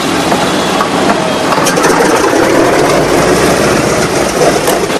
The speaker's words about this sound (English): The B-17's propellers begin to spin into action, sending out a trail of grey smoke.